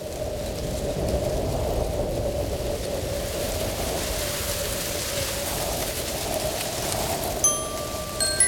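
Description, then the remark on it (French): Wind rushes through trees in the woods in a steady, even hiss that holds at a constant level throughout, with no voices. A few faint, high chirping tones appear near the end. “Il écoute le vent dans les arbres.”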